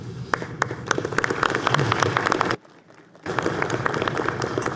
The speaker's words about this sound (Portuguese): A plateia nem sempre aplaude, mas o Brasil inteiro ouve. E hoje é o nosso dia de aplaudir de volta.